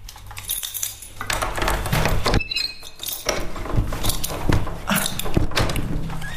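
A sticking apartment door on the fourth floor at General Laci 22 is forced open with a series of jolting knocks, rattles and scraping clatter, some metallic clinks among them, over a steady low hum. No one speaks.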